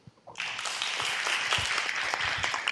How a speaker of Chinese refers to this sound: 让我们再次以最热烈的掌声感谢圆德法师与所有与会贵宾的开示与祝福。